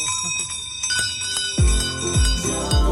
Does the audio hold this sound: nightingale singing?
no